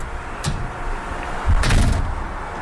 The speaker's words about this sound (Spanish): ¿Podría abrir la puerta, por favor? ¿Quién toca la puerta?